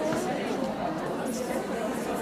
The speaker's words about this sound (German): Publikum im Foyer der Berliner Volksbühne.